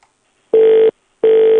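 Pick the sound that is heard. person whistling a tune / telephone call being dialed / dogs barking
telephone call being dialed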